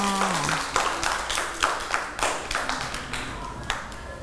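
A group of children clapping in scattered, uneven bursts, the sharp claps overlapping rather than keeping a steady beat, fairly close and moderately loud, with a brief voice murmur at the start.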